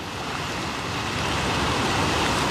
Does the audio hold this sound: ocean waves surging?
yes